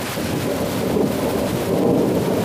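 Steady, heavy autumn rain hisses without pause while low thunder rumbles underneath, a broad continuous wash of sound with no voices.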